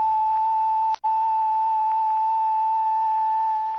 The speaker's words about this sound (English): That is 1,000 cycles, or 1,000 vibrations per second, stripped of all harmonics.